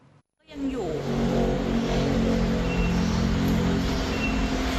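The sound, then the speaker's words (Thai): A luxury car, left in neutral without the handbrake while its driver stepped out to throw away rubbish, rolls down into a canal in Samut Prakan, Thailand; a steady, loud engine rumble and road noise start after a brief silent moment and continue throughout. “สมุทรปราการคุณผู้หญิงท่านนึงเนี่ยจอดรถจะลงไปทิ้งขยะแป๊บเดียวปรากฏว่าเข้าใจว่าตัวเองใส่เกียร์ P แล้วไม่ค่ะเธอใส่เกียร์ N แล้วก็ลืมดึงเบรกมือด้วยสุดท้ายรถหรูไหลลงคลองแบบนี้ค่ะ”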